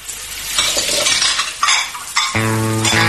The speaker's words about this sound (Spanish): No dejes correr el agua mientras lavas los platos. Una llave abierta son 300 litros de agua perdida.